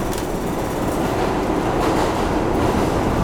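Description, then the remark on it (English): A New York City subway One Train rumbles steadily along the tracks for a few stations toward the Upper West Side of Manhattan on a hot 35 °C day, a loud, continuous low roar with rattling and faint clicking from the wheels, heard from inside the car with no talking. “Ich nehme die Subway ein paar Stationen mit dem One Train in die Upper West Side.”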